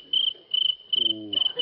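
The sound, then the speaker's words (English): A cricket chirps in steady, high-pitched bursts, four pulses in quick succession, fairly loud, with a faint low hum underneath. “I'll fix that cricket.”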